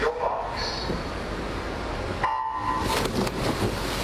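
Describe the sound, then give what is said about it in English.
A swimming race starter's gun at Brisbane's Centenary Pool, 400 Gregory Street, Spring Hill, sounds as a sharp, steady electronic tone after a brief hush, set against a constant wash of noisy background chatter and splashing. “But on Sunday at 4 p.m, the starter's gun will fall silent.”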